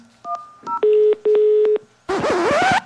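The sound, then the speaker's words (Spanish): Telephone dialing tones: a few quick dual-pitch keypad beeps, then two long steady tones with clicks, ending in a loud, harsh warbling burst of line noise. No one speaks. “Ya no, esos sonidos todos raros de teléfono.”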